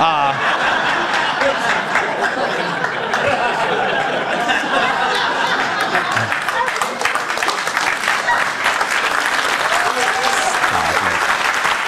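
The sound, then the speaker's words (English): A crowd applauds a joked children's book title, 'Where's Oswaldo?', steadily for several seconds, dense clapping filling the whole stretch, with scattered laughter mixed in. “Don't even applaud.”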